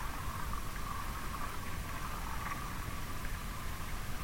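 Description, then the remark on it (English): Faint crackling from the ionosphere through a steady hiss of radio static, picked up away from urban electric infrastructure with no human-made interference nearby; fine irregular crackles run continuously and evenly throughout, distant and low in level, with no voices. “we hear this cracking, this small cracking, which is actually from the ionosphere.”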